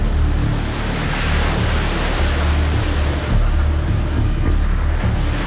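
A steady, loud roar of rushing water fills the air as a tidal bore surges up a river, with wind buffeting the microphone and a low engine-like rumble underneath.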